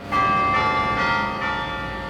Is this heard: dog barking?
no